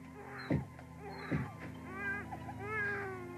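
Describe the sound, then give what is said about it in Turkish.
A sick young child with a high fever cries in thin, wavering wails, several drawn-out sobs rising and falling one after another, with a couple of dull thumps early on. “Ağlama yavrum. Ağlama sen.”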